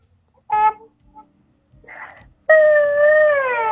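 A caller's child cries in the background of a radio phone-in at night: a short wailing burst, a brief breathy sob, then a loud sustained wail whose pitch slowly falls. No one talks over it.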